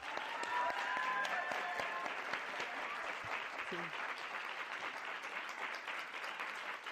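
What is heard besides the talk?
audience applause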